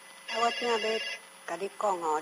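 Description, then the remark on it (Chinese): A telephone rings with a melodic, tonal ringtone in two bursts separated by a short pause, loud, with no one talking over it. “来电话给你，电话给你哈。”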